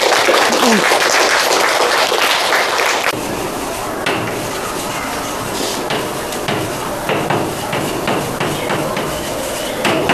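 A crowd bursts into loud, dense applause for a few seconds, then it thins into scattered, uneven claps that keep going softly until the end.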